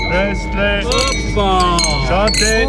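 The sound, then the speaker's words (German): Glasses clink together in a toast a few times in quick, bright taps, with a faint lingering ring, over a lively background of crowd chatter and voices at the largest winegrowers' festival in German-speaking Switzerland. “Es wird angestoßen am grössten Winzerfest von der Deutschschweiz ab heute bis und mit dem Sonntag.”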